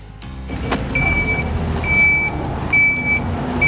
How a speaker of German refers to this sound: Ich bin da im Geschiebebecken mit dem Murenmaterial wegräumen. Mit dem Vierachskipper, Mercedes, der hat 510 PS, boah, ungefähr 16 Tonnen.